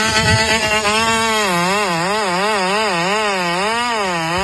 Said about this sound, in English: So this is some sort of robot. You can ride it? Looks like remote control, actually. Lawnmower. Oh, my God. Look, this thing's taking down some... Oh, my God. It's like cutting down trees. And it's fast.